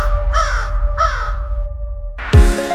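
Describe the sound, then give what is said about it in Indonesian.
A crow caws three times: two evenly spaced harsh calls followed by a louder, sharper third caw, with a low rumble of background noise underneath. “Banyak laporan menunjukkan, burung ini kembali pada manusia yang memberinya makan.”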